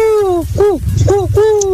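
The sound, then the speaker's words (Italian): A human voice imitates an owl's hoot, giving several hooting calls in quick succession with falling, bending pitch, fairly loud, with low background noise underneath. “Ma queste sono tortorelle, però, dai. Però bravi, bravi, si sono messi in gioco. Ci potete prendere il rumore originale del gufo, ragazzi?”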